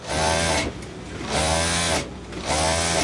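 A 68-year-old seamstress's sewing machine, in her alterations tailoring shop in a covered market in Singapore, runs in three steady bursts of rapid mechanical whirring, each lasting about half a second to a second, separated by brief pauses. Fairly loud, with no voices.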